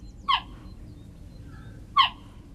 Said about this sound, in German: Klingt wie ein Vogel, ist aber eine Raubkatze. Geparden können nicht brüllen wie Löwen, stattdessen zwitschern sie. Denn wer wie ein Vogel klingt, wird von anderen Tieren in der Savanne vielleicht nicht so schnell erkannt.